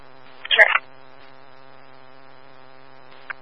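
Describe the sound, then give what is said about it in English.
A phone gives a short, loud electronic alert chirp, then a faint second blip near the end, both over a steady low background hum with no talking. “No, he's just my phone.”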